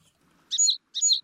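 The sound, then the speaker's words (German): Sparrows chirping in two short, bright bursts separated by a brief pause, fairly clear with quiet background between calls. “Ach, jetzt sind meine Spatzen irgendwie weg.”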